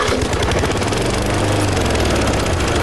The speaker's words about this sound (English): Still pushing that old mower around the yard. At this rate, you'll finish just in time for winter.